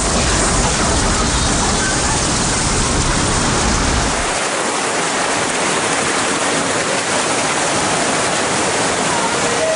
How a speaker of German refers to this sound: Da die Gegend hier sehr flach ist, strömt das Wasser bis zu 5 Kilometer ins Landesinnere. Die Flutwelle reißt alles mit, was sich ihr in den Weg stellt.